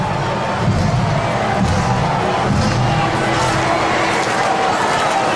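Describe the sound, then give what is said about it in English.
A large ballpark crowd at a Seattle Mariners–Kansas City Royals baseball game roars steadily as batter Julio Rodríguez takes a timeout, a dense wash of voices and shouting that stays loud and unbroken for the whole few seconds, with no single voice standing out. “And now Rodriguez takes his timeout, and the crowd is done with Julio Rodriguez today.”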